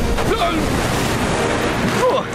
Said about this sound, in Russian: Осторожно! Эти волны больше, чем гигантская тыква во время сбора урожая.